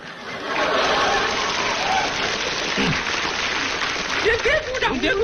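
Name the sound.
audience applause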